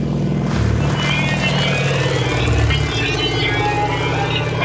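A small propeller airplane flying at about 600 metres altitude during an aerial chase, its engine droning steadily and loudly throughout, a continuous low roar with a buzzing harmonic hum and rushing wind noise.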